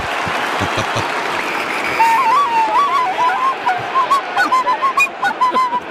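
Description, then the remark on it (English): A tin whistle, played by Jono as his good luck charm during live match commentary, plays a wavering, halting tune of short reedy notes that rise and dip, sounding over a steady wash of crowd noise and clapping. “That was Jono playing the tip whistle, by the way.”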